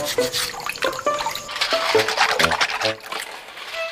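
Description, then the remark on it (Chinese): Pig snail (猪仔螺) shells are scrubbed clean in water to remove parasitic growths, a steady wet brushing and sloshing with clinks and splashes of hard shells knocking together, moderately loud throughout with no talking. “你看，有些猪仔螺的话呢，它的壳啊，会长一些寄生这样的啊，就是微生物，所以呢，我们要把它要刷干净。”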